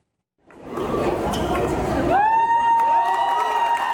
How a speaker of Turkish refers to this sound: Rize'de dünya evine giren bir çift düğün salonunun ortasına voleybol filesi kurdu. Ardından voleybol oynamaya başladı. Davetliler de alkışlarla çifte destek verdi.